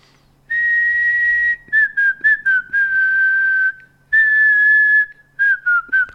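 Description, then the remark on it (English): A woman whistles the theme tune of the TV programme Coronation Street, a clear, loud melody of long held notes and quick short phrases, with a brief pause midway before the tune resumes. “Give us a whistle again”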